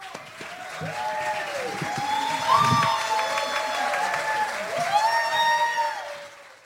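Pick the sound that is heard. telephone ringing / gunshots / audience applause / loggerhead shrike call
audience applause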